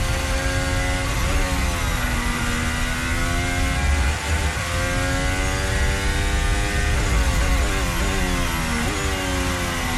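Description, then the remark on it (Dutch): A Formula 1 car engine, heard onboard with Brazilian driver Gabriel Bortoleto, roars loud, its pitch climbing and dropping sharply through several rapid gear changes, with constant wind and road rumble underneath and no voices. “Hier aan boord bij Gabriel Bortoleto.”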